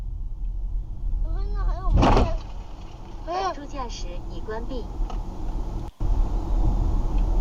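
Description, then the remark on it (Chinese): Dashcam audio inside a moving car with driver assistance on: steady road rumble is broken by one loud, sharp crash as the car collides, then the brakes are applied and a few rising electronic chime-like tones prompt that driver assistance has been switched off, with a brief clunk near the end. “你看他那个视频有声音，是撞了之后然后踩了刹车才提示辅助驾驶已关闭。”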